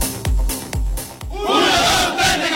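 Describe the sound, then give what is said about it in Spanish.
Three heavy, booming drum beats pound out at a steady pace, then a big crowd at Estadio Victoria bursts into loud, sustained shouting and chanting that carries to the end. “Hagamos gritar al Victoria.”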